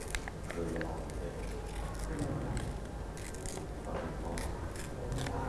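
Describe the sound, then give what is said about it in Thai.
Paper being torn slowly by hand by a woman teacher showing children how to tear paper, a run of soft ripping and crinkling strokes that continues steadily, with her voice speaking over it. “ฉีกแบบนี้นะคะค่อยๆขยับมือเห็นไหมคะเด็กๆเดี๋ยวดูนะว่าคุณครูจะฉีกเป็นอะไร”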